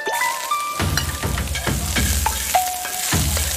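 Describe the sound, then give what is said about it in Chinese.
Steady, loud sizzling of salted pork frying in a hot pan, with a few scraping stirs and a faint metallic clink or two; no one speaks. “都要用上，我就下锅了哈。 下锅， 第一步加上我们的咸肉。”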